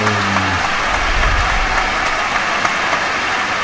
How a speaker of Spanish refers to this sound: este aplauso que le brindaba una parte también.